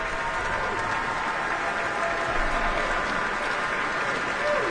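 Sustained, dense applause from a large concert audience, a steady wash of many hands clapping at even loudness throughout, with no pauses or individual claps standing out.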